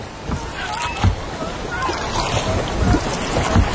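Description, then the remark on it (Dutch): Janavis birds screech repeatedly by the beach over a steady wash of water and surf, their shrill, wavering calls overlapping in a noisy chorus that carries on throughout. “Het is een kabaal, dat krijsen.”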